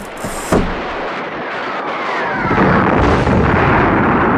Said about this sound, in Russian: Оглушенные грохотом снарядов, рвущихся по всей высоте, они некоторое время стояли в ходе сообщения.